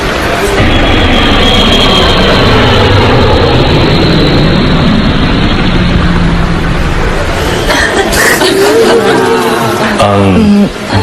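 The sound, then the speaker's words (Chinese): A loud, steady roar of airplane engines builds and holds as the plane takes off, filling the whole clip, with a voice faintly audible under the noise near the end. “女士们、先生们，请您系好安全带，我们的飞机即将起飞。”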